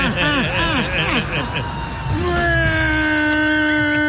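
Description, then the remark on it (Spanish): A voice imitates a newly bought sports car engine that sounds like it is choking, first with a run of wavering, sputtering revs rising and falling, then settling into one long, steady, strained drone that slowly climbs in pitch. “¡Qué feo suena tu carro, güey! Le hace falta el cambio de aceite, güey.”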